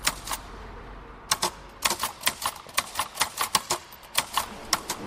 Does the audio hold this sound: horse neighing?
no